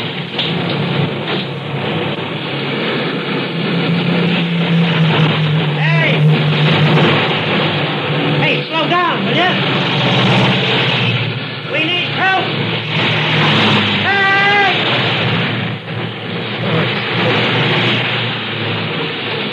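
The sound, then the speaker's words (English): A constant, loud roar of traffic on a four-lane highway, with several vehicles whooshing past every few seconds, their engine tones rising and falling as they speed through. “I can't get across those four lanes of traffic. I'd never make it.”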